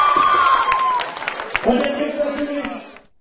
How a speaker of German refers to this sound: Wunderbar! Dieser Applaus!